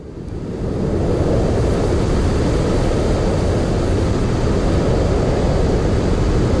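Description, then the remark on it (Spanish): A steady, dense hiss of white noise used to soothe babies, loud and constant with a deep rumbling low end, resembling surf or wind, fading in over the first second and holding unchanged. “Este es uno de los ruidos blancos más frecuentes que encontramos si hacemos una búsqueda en internet o en cualquier plataforma musical como Spotify.”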